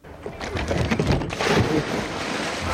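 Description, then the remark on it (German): A splash into water, followed by a few seconds of loud, continuous churning and sloshing as the water settles, with no one speaking. “Der Platsch ins Wasser, nicht schlecht, oder?”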